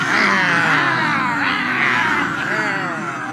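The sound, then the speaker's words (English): Cats in heat yowl in loud, drawn-out wails that rise and fall in pitch, several wavering cries overlapping continuously for a few seconds with no pause. “Cats in heat is all I'm thinking about.”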